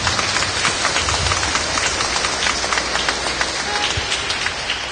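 A crowd at a church wedding Mass breaks into steady, dense applause for the newlyweds, many hands clapping at once in a continuous patter that holds at an even loudness throughout, with no voices standing out.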